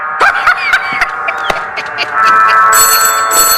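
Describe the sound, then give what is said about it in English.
A telephone rings with a bright, steady, buzzing tone that swells and holds through the second half, after a stretch of chirpy, clattering sounds. “Igor, get the phone.”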